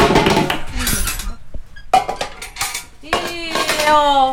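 Milk splashing as it is poured into metal collection cans in the middle of a village, with clanks and clinks of metal containers, a brief lull midway, then a ringing metallic resonance as the pouring resumes.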